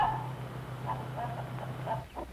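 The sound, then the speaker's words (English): Several short clucks from two-month-old, almost grown chickens come in a loose, irregular series over a steady low hum, not loud, with no one talking. “2 months old chickens and almost grown up.”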